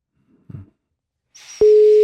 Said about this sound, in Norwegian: og du som blir oppringt har I praksis 2 ring her I vår ende på deg, før oss legge på. Når det tredje ringer toner ut her I vårt studio, da det for sent.